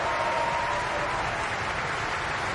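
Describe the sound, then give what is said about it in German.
Sustained applause from a large opera audience for a singer after an opera performance in Bayreuth, Germany: a dense, steady wash of clapping with no pauses, loud and continuous throughout. “Und jetzt auch nochmal viel Applaus”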